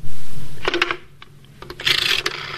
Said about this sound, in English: That's the rotary phone. It is the rotary phone. Rotary phone. Yeah.